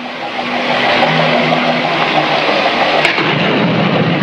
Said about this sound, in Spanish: Comienza a llover. ¡Despierten! ¡Despierten! Mucho me temo que tendremos que luchar contra la tormenta.